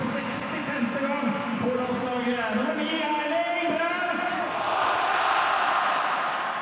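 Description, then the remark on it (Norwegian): A loud, dense crowd at Ullevål Stadium roars and cheers continuously after Norway scores to make it 1-1 against Portugal in the Nations League, many voices blending into a sustained wall of sound that swells toward the end. “Og hør nå på publikum!”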